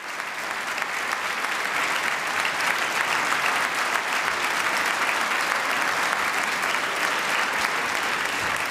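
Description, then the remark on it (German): A concert audience in the Stadthalle Kleve applauds the Landesjugendorchester NRW, eighty young musicians, after Brahms' First Symphony, with drumming and whooping: dense, continuous clapping that stays loud and steady throughout, a thick wash of hands with no one speaking over it. “Achtzig junge Menschen, sie spielen mit bedingungsloser Hingabe und das Publikum in der Stadthalle Kleve feiert das Landesjugendorchester und dankt, wie es kann, mit Applaus und Getrommel und Gejohle.”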